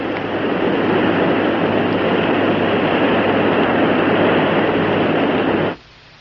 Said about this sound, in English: Gee, that room's filling up with water awfully fast.